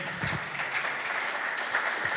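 A crowd gives a loud round of applause to Jesus Christ, steady dense overlapping claps forming a bright, even wash of sound with no pauses across the whole stretch and no voices over it.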